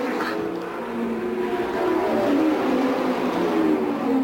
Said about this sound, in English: Now, A.J. Foyt just went up and checked with George Snyder, handed him something to drink, and the car goes back out on the track in what would be about an average pit stop.